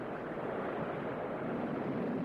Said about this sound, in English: The churning river surges faster.